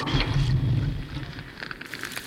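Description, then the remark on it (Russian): A fire flares up with a deep, steady roar and scattered crackles, loud, with a low rumble under it, consuming meat and bread laid on a stone. The blaze holds for a couple of seconds, and no one speaks. “Огонь! Он поедает всю еду.”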